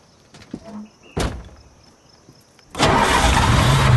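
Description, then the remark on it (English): A car door thuds shut, followed by a short pause, then a car engine cranks and roars to life, settling into a loud, steady running rumble. “Try the engine.”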